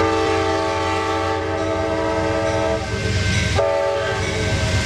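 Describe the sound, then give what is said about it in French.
A passing Amtrak train sounds a loud, sustained multi-tone horn over the steady rumble of the rail cars, with the horn briefly breaking and resuming near the end, while a bus stops for it. No one speaks. “Et puis bien sûr, quand t'as le passage d'un convoi de chez Amtrak, eh bien, il faut s'arrêter.”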